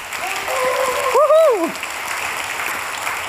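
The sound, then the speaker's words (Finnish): Steady, dense audience applause given to the heavenly Father fills the whole stretch, with a brief rising-and-falling whoop or whistle cutting through the clapping about halfway. “Ja jotenkin mä myös ajattelen, että kun ollaan täällä yhdessä, niin eikö me voitaisiin ihan kunnon aplodit antaa myös taivaan isille?”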